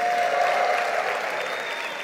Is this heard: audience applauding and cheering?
yes